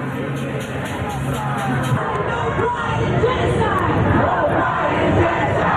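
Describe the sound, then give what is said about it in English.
College students protesting, yelling and screaming about genocide: a dense, continuous roar of overlapping cries with no single voice standing out, steady throughout. “College kids yelling and screaming about genocide.”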